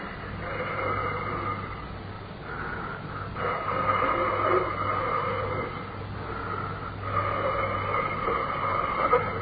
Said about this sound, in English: I felt it again, coming out of the keyhole. Not a draft. Not a draft at all. What I felt was breathing.